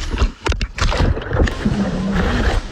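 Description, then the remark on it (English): Repeated wet slaps and splashes as a GoPro camera worn on a swimmer's head smacks against the water in an uneven rhythm, over a constant muffled rush of churning water. “That's shocked it still kept going because it's just slapping against that water.”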